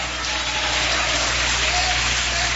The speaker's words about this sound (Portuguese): Aqueles que têm essa paz podem bater palmas e dar glórias a Deus.